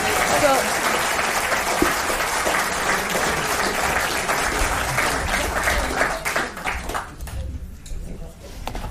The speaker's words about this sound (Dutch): Groot applaus, alsjeblieft.